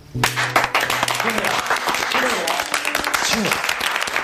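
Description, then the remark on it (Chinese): Subdued applause from a small group of delegates at a Communist Party meeting in Shanghai, kept quiet on purpose, a dense, steady patter of clapping that holds evenly for several seconds, with a few low voices murmuring underneath. “可以鼓掌，可以说话，声音一定要小。”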